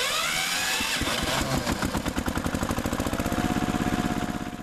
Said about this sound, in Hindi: लो तो लो बैठो, tractor start करूं मैं, चलो घर को।